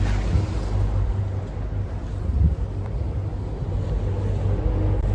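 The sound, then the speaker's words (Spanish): A steady low engine rumble with rushing wind and water noise from a boat moving along the River Thames in London, near Tower Bridge, heading to central London on a cloudy, rainy morning, continuous and fairly loud throughout with no voices. “Seguimos aquí por el río Támesis en esta mañana bastante nublada, de pronto llueve, pero no nos evita que podamos disfrutar de esta ciudad.”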